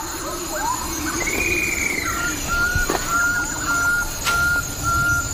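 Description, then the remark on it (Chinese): A bird-of-paradise calls with a series of clear, whistled notes, some held at a steady pitch, others rising, over a constant wash of background noise and rustling. “最美丽的还要数极乐鸟。”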